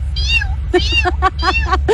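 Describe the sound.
On the radio station Radio Disney 92.1, a person imitates a tiny kitten's meow with a series of high, thin mewing cries, one drawn-out mew followed by several quick squeaky ones, clear over a low background hum.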